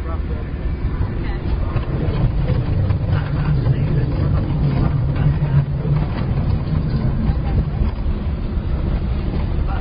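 A test vehicle's engine drones steadily for the whole stretch during a rough road test, a heavy low rumble mixed with constant rattly road noise from driving over the rough surface.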